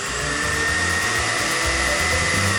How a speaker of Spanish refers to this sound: Hoy es el viernes de batidora olímpica.